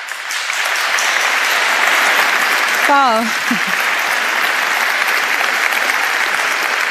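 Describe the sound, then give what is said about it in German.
Steady, dense applause from an audience welcoming the evening's host at an event marking 80 years of KHG Wien fills the whole clip, with a single voice briefly calling out an exclamation partway through before the clapping carries on evenly. “Begrüßen wir jetzt mit einem großen Applaus die Moderatorin des heutigen Abends”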